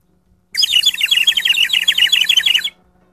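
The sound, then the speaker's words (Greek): A bird whistle, given to the speaker by the sales department, warbles in a rapid, continuous trill of bright chirps for about two seconds, loud, with no talking over it. “σας κελαϊδάω με αυτή την σφυρίχτρα που μου έφερε το εμπορικό τμήμα που πήγε εκδρομή με το καπί, για να μην παίρνετε Ζάναξ την ώρα που μιλάω.”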